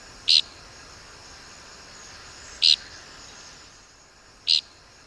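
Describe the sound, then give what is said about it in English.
Three short, buzzy Dickcissel flight calls ring out at irregular intervals, each a brief rasping, flatulent-sounding burst, distinct against a quiet, faintly hissing outdoor background. “We birders mostly find tickcissels by their distinctive flight call, which is invariably described as flatulent.”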